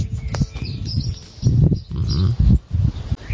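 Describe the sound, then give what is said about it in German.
Morning outdoor ambience in Göhren on Rügen island: a steady bed of low rustling and rumbling noise, with faint high bird chirps scattered over it and a few louder, breathy low bursts. “Die morgendliche Stimmung auf Göhren.”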